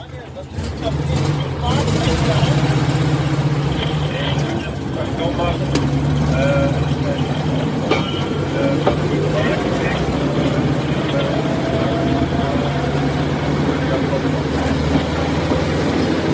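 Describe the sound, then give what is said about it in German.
A rail draisine built by the firm FKF in Frankfurt drives out off a turntable, its engine droning steadily, a low, loud, continuous rumble with a humming pitch as the small vehicle gets underway and keeps running throughout. “So, wir stehen jetzt auf der Drehscheibe, fahren raus.”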